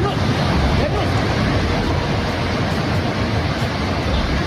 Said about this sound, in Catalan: per exemple, de Rasuwa, que és a la província de Bagmati, que fa frontera amb la Xina i el Tíbet, capten com de cop i volta una onada gegant de fang i d'aigua s'emporta edificis, arbres, cases, ponts, tot el que troba al seu pas, també persones.